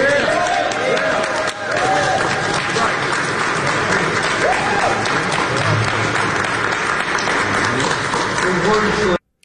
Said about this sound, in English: I don't know what's crazier, the comments or the people clapping who think that that's an appropriate statement.